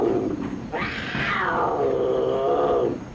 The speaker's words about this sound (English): You know, last trip, a mountain lion showed up right over that tunnel. There's one now. So you better all be real quiet.